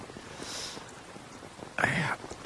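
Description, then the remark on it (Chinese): Soft, steady rain hisses and patters throughout, fairly quiet, with a brief louder swell of sound near the end; heavy night rain leaking through a roof onto a bed. “一下雨啊，这脑壳就疼，疼得睡不着，老毛病。”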